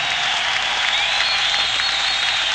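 Sustained audience applause for a singer's performance of a song, a steady dense wash of many hands clapping at once, fairly loud and even throughout with no voices standing out.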